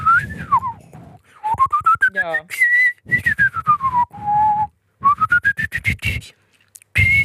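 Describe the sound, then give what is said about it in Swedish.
A person whistles long, sliding tones that rise and fall in smooth arcs, with a brief warbling trill midway, while a voice talks over parts of it. “Och vi har lyssnare som inte kunnat vissla och nu visslar alltså, dem.”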